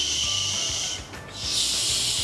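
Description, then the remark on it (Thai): A voice demonstrates the English 'sh' sound, made by holding the teeth together and letting air out through the gaps between them. The hiss is sustained, breathy and high-pitched, dips briefly in the middle and then continues steadily to the end, with no words spoken. “sh ระวังฟันอย่างนี้ปกติธรรมดานะคะเหมือนเรากัดฟันไว้แล้วก็ปล่อยลมออกมาตามร่องฟันของเราอะนึกง่ายๆแบบนี้ค่ะ”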